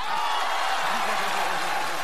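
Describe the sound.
Steady applause from an audience fills the whole moment, a dense, even wash of clapping at moderate loudness, with a voice faintly audible underneath.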